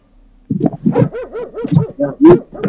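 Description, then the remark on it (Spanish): A small dog being fetched from a pack lets out a quick, excited run of barks mixed with high whimpering whines, fairly loud, continuing for a couple of seconds, on a cold day after morning rain. “Justo, vine a buscar un perrito de la manada.”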